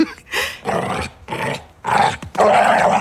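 A pit bull barks and growls in a rapid series of about five harsh, loud, agitated bursts, leaping and running behind a door in the early morning, with no voices present.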